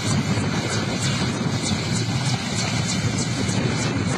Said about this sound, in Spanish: Ahí está el helicóptero, ¿no? Estaba sobrevolando. Ahí está.